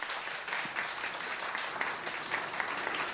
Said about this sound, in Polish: Brawa dla niego.